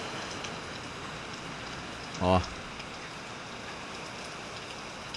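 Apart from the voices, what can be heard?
rain falling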